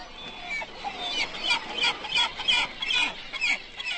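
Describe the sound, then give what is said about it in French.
A flock of herring gulls and black-headed gulls calling over one another on a beach while competing for stranded fish, a dense chorus of shrill, squealing cries mixed with harsher squawks, steady throughout, with no voices. “Mouettes et jeunes goélands poussent des cris de rivalité aiguë et les goélands adultes lancent de grands cris graves d'appel à la nourriture.”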